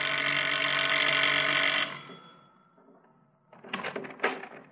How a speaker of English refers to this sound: walks to the front door, rings the bell.